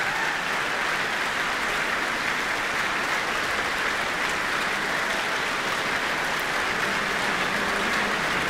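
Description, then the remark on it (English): Sustained applause from the audience and the New Zealand Symphony Orchestra in a concert hall, the Michael Fowler Centre, for a soloist joining hands with the conductor: a dense, steady wash of clapping that continues at an even level throughout without any voices. “Well, he's joined hands with the conductor, receiving the applause of not only the audience, but also the orchestra here in the Michael Fowler Centre.”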